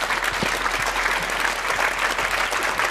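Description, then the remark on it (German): Sustained applause from an audience, a dense steady patter of many hands clapping at once, fairly loud and even throughout with no voices on top. “Und Sie merken am Applaus, dass es hier viele so sehen.”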